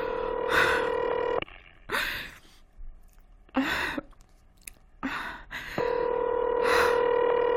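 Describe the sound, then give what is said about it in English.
A steady telephone ringing tone sounds at the start and returns near the end as an operator rings a number again for a caller and no one answers, with breathy sighs and gasps from a person in between. “Will you ring that Murray Hill 40098 number again?”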